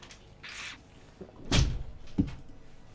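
A door slams shut with one loud, heavy bang partway through, followed by a softer knock a moment later, against a quiet indoor background with no talking.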